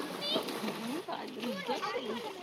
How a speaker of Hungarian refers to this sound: Csobog a Duna, és véget ér az Optimál mára.